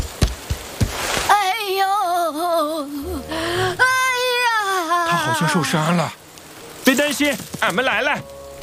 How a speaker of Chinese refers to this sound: 我摘完果子就突然下雨了，一不小心，哎。 摔了一跤啊！这雨好像越下越大了。